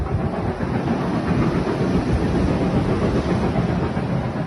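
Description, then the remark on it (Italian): A steam train approaching along a railway rumbles steadily, a dense, loud, low-heavy roar with faint clattering mixed in, holding an even level throughout with no voices. “Da lontano vedo il vapore che spunta tra gli alberi, deve essere lo steam train di cui mi hanno parlato all'ufficio del turismo.”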